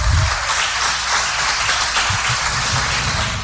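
Sustained audience applause, a dense wash of many hands clapping at a steady, fairly loud level for the whole stretch, with no voices standing out.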